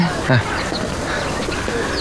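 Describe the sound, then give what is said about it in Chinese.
Low, soft pigeon coos, a short throaty burst followed by fainter murmuring calls over a busy outdoor background with voices. “咱们可说好了啊，这个鸽子要给我弄好的。”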